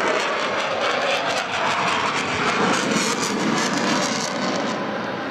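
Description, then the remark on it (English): A loud, sustained roar of a fifth-generation military jet's engines, similar to the F-22, fills the whole stretch, broad and rushing, holding steady before easing off slightly at the end as it banks past over Mindle Beach before a crowd. No one speaks. “Slowly banking his way over towards the beach here at Mindle Beach.”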